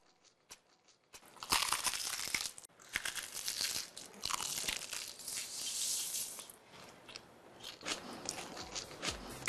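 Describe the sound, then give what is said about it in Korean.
In a fried chicken advertisement, someone bites into crunchy, crispy fried chicken with loud crunching: a quick series of sharp crackling bites and chewing with no talking, the crunches coming in bursts across the whole stretch. “입혀 크런치하고 크리스피하다. 크크크 치킨. 바삭함의 끝판왕.”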